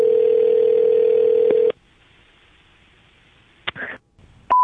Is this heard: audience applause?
no